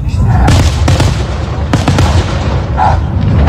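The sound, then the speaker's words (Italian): Fireworks going off: a rapid series of loud, sharp bangs and cracks over a constant deep rumble of booms, continuing without pause. “abbaiare sotto i fuochi che si vedeva, la trava questo cane, dice, sarà stato contento o no?”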